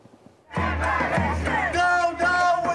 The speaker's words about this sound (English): Hundreds rallied in Berlin in support of Palestine, marching from Neukölln to the town hall with chants against Israel and German armed support.